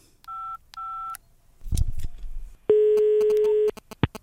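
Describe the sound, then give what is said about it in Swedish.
Two short electronic dialing beeps, a brief clatter, then a long steady ring tone followed by quick clicks and a sharp tap, all clear with no voices: a phone call being placed to a radio agent, a 7-year-old child from Gothenburg. “Jag ska se här, jag tar och ringer upp ännu mer radioagenter för att lösa den.”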